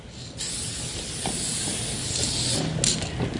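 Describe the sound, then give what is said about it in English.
Steady hiss of aerosol spray paint releasing from a can as a graffiti writer paints a throw-up, a simple outline of letters, in Wellington, in continuous bursts with slight surges and brief pauses, no talking. “So what are you doing right now? This is a throw-up. It's pretty much a really simple outline of my letters.”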